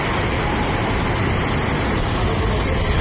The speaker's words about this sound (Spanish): Es el agua discurriendo por las calles del municipio completamente anegadas. Se ven coches arrastrados y buena parte del pueblo ha quedado inundada.